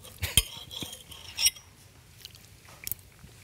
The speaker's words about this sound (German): Hört man Schmatzen im Mikro? Super. Nee, ne? Ja, das hört man. Oh, nur dann. Aber das ist menschlich. Das gehört dazu.